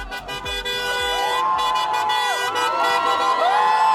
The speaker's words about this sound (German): Großer Jubel in Budapest nach dem Wahlsieg von Péter Modiar.